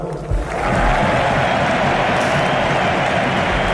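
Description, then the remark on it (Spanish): A large crowd at the Camp Nou stadium in Barcelona applauds Lewandowski's farewell to the stadium in a dense, steady roar of clapping and cheering that swells after a brief quieter moment and holds loud throughout. “Aplauden Deco y Boyan en el palco del Camp Nou, junto a Alejandro Echevarría.”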